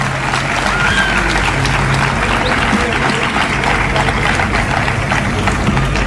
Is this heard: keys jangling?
no